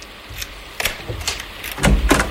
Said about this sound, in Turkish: Erol, kapıyı maymuncukla aç da girelim içeriye.